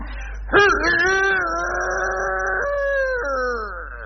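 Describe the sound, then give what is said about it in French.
A person imitates a rooster's crow with one long, sustained, wavering vocal call that rises sharply, holds steady, then trails off, loud against a low background hum. “Je voudrais que vous nous imitiez au moins une fois le cri du coq, ah, oui.”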